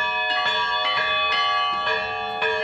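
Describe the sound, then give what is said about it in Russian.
Church bells ring continuously in a dense, overlapping peal, with repeated strikes roughly every half second layered over a sustained metallic hum; loud, with no voices. “Сын любит не только в колокола звонить, но и на службы ходить и своему отцу помогать.”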